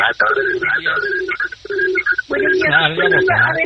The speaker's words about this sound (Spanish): Bájale poquito. ¿Al radio? Ahora sí.